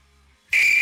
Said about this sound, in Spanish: Cállense. Que nada más escuchen los grillos,